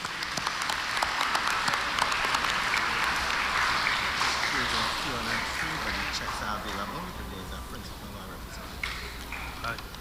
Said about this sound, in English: And I wish for you all just to applaud them and thank them very much.